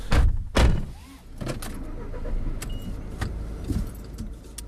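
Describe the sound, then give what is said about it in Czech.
Two heavy thuds like car doors shutting open the scene, followed by scattered clicks and a light jangle of keys over a steady low vehicle rumble, as a car arrives in Karlova Studánka after a drive of a few kilometres. “My jsme se autem přesunuli z Kóty jenom pár kilometrů a teď sedíme v Karlově Studánce v lázeňské kavárně.”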